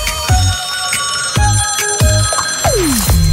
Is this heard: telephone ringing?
yes